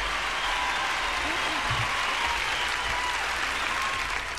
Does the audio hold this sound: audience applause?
yes